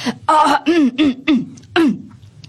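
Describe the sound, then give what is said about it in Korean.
A voice, the storybook character Sandeulbaram (the breeze), imitates an adult clearing its throat and coughing, a series of about five short, voiced bursts in quick succession, loud, with no other speech. “사뭇 어른들의 기침 소리를 흉내내기까지 산들바람은 우쭐해졌어요.”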